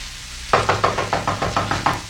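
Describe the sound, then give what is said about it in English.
A quick, steady run of about eight knocks on a wooden door, evenly spaced and fairly loud, with no voices. “He'll go to the door and knock on it.”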